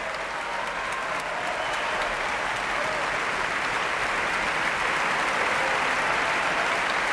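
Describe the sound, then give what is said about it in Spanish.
Sustained, dense applause from a large concert audience giving an ovation to the Orquesta Nacional de España and conductor David Afkan as the horn section stands, a steady roar of many hands clapping at an even, loud level without pause and with no talking over it. “Son ahora las trompas las que se ponen en pie para recibir esta ovación.”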